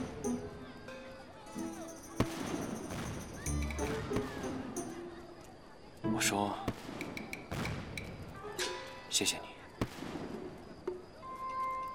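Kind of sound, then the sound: sound effect, fireworks exploding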